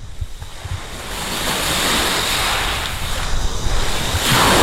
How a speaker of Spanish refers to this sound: Para la despedida, este sonido no está ni mucho menos enlatado. Es el sonido de las olas de Playa de Poniente, en Motril.